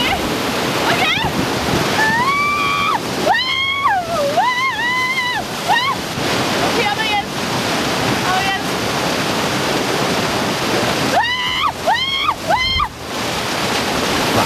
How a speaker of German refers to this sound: Nein, das ist wirklich schwer. Da muss man sich, das ist ja so eine künstlich erstellte Welle und da muss man sich